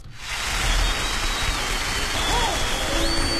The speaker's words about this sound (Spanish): Un aplauso para los niños de Cambur.